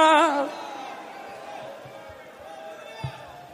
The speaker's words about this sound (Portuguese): Deixa eu ver, só os que conhecem a verdade, levanta a mão, dá um grito de glória.